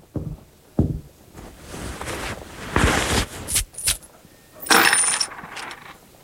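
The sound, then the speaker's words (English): A handful of gold coins, paid for rooms at an inn, clinks and jingles onto a hard counter, with several bright metallic rattles and a final louder spill of ringing coins settling, no voices. “Gold coins in gear. Fine currency for a peck of travelers.”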